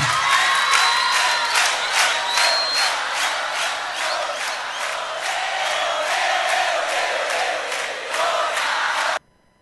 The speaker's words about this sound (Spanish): palmas, palmas, va.